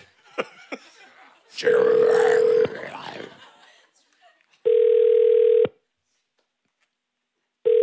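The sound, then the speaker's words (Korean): A telephone ringback tone sounds in steady one-second bursts separated by silence, the call going unanswered, with a burst of background noise and chatter early on. “전화를 받지 않아. 왜 받지 않아?”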